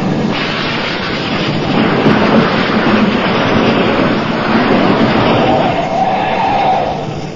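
A heavy vehicle's engine roars steadily in a loud, rough wash of rumbling noise, holding even for several seconds with a faint rising whine late on, no voices over it.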